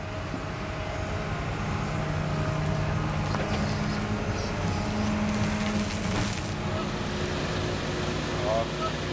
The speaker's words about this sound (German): Mehr als 500 Lkw-Ladungen. Tag und Nacht fahren die Laster dafür nach Altona, immer durch die Wohngebiete der Stadt. Der Lärmpegel für die Anwohner ist gewaltig.